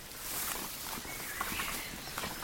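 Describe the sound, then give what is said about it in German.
Footsteps of a group of walkers crunch over rough ground as they approach a small house in the middle of a clearing, amid a steady rustling background, their soft, irregular steps gradually spacing out as they slow down to look the place over. “Kurz nach dem Entdecken verlangsamten sie ihre Schritte, um die Örtlichkeit genauer in Augenschein zu nehmen.”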